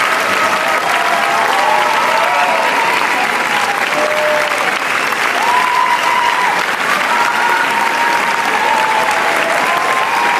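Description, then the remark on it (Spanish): A large audience applauds steadily and loudly, a dense wash of clapping with a few faint whistles or cheers rising above it, sustained without pause throughout: an ovation at the Cannes Film Festival for Los Javis after the screening of their film La Bola Negra. “Si quieres podemos estar así los próximos 20 minutos.”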